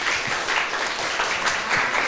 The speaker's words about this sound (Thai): ขอเสียงปรบมือให้กับกลุ่มนี้อีกครั้งหนึ่งเลยครับ